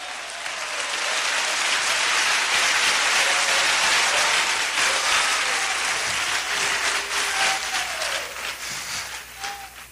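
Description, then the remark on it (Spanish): An audience claps hands for God during worship in sustained, dense applause that swells quickly and holds loud for several seconds before thinning slightly toward the end, with faint voices calling out underneath. “Fuerte esas palmas para Dios.”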